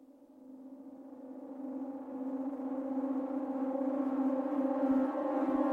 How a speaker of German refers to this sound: Als das abwärts fahrende Aufzuggeräusch verstummt, gehen die schon einmal gehörten Sirenentöne los.